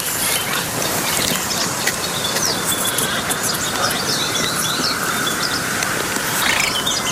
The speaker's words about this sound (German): dass diese Zwergsumpfhuhn, ist ja nicht viel größer als eine Lerche, eben auch kein besonders lautes Stimmorgan hat. Da muss man schon richtig in der Nähe sein, um das überhaupt wahrzunehmen, zumal wenn Frösche ringsrum quaken.